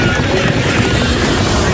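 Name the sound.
airplanes taking off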